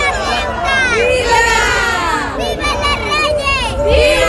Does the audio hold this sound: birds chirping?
no